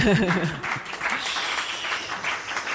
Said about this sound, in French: Et on peut les applaudir, on peut les applaudir.